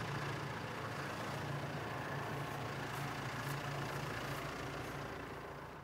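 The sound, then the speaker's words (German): A tractor engine idles steadily after the tractor stops a few metres on, on waterlogged ground, a low continuous rumble with a droning hum that holds level for several seconds before easing slightly at the end. No one speaks. “Nach wenigen Metern hält er schon wieder an. Zur Sicherheit. Der Boden unter dem Traktor beginnt zu schwimmen.”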